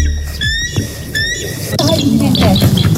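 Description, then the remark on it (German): A bald eagle's call: two short bursts of thin, rising piping whistles, then a denser run of high chittering squeals, fairly loud. “So zum Beispiel klingt der Weißkopfseeadler.”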